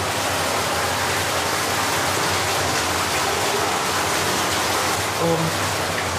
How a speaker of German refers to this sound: Genau, jetzt haben wir hier hinter der Tür ist dann das Wasser, was aus Tschechien kommt. Das ist aber jetzt sehr laut.